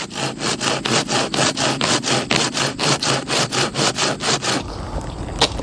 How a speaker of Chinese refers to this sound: 得把这个锯成一节一节的，因为这树已经枯了，老虎要是爬上去以后容易掉下来拽着。